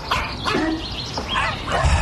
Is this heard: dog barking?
yes